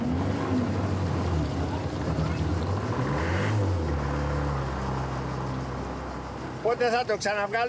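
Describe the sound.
A boat's motor sputters and struggles, its low rumble wavering and dipping as it fails to start properly while the boat is being taken to the sheltered harbor of Aegina Town; near the end a person starts speaking over the fading drone.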